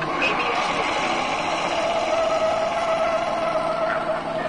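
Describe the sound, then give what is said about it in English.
A car brakes hard with anti-lock brakes during a braking test on a track, driving up to cones and steering through them: a steady, loud rush of road and tyre noise with a faint squealing tone emerging midway, sustained for several seconds. “You see how ABS lets you keep control of the vehicle while braking?”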